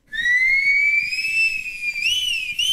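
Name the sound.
human whistling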